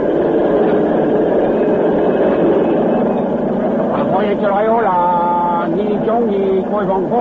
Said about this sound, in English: Work train with supplies has arrived across river.